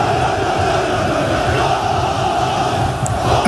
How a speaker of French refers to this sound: Les supporters de Beşiktaş détiennent le record du monde de décibels, plus de 140 dans leur ancien stade il y a 13 ans. Soit plus de bruit que le décollage d'un avion.